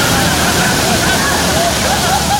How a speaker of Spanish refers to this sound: Así es el mar.